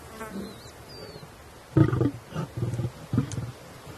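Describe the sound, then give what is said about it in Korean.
A dominant male lion growls in several deep, rumbling bursts, fairly loud, at young lions it had just let feed, keeping them away from the food, following a quiet stretch with faint insect buzzing in the background. “이번엔 우두머리 수컷이 조금 전 먹이를 먹이던 어린 사자들에게 으르렁거리죠.”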